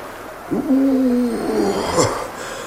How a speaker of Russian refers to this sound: Маяк гудит, как пустая бутылка.